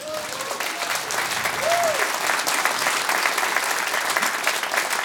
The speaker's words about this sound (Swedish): Varm applåd till Merit!